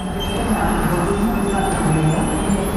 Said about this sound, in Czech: U první koleje pražského hlavního nádraží právě zastavil vlak, který pojede do Berouna.